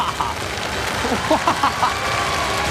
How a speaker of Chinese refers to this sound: 我们先把掌声送给两位赛车手